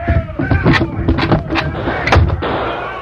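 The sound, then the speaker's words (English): Several sharp gunshots crack out at irregular intervals from a harness shop next to the mercantile, each a loud, brief bang over a low, rumbling background murmur. “It's gunfire. Must be a few drunken cowpokes letting off steam.”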